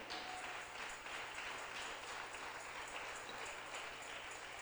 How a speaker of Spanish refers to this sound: ¿Cuántos le damos gloria a Dios? Aleluya. Fuerte ese aplauso al Rey.